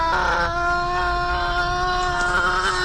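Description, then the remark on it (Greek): A person imitates a hen laying an egg with one long, steady, nasal vocal tone held for about three seconds at a fairly high pitch, fairly loud and without any talking over it. “Κότα είναι αυτή.”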